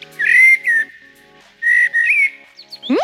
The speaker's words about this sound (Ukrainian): Ну, соловей, напевно, якийсь. Ні, це не соловей. Ти що, не впізнав чорного дрозда?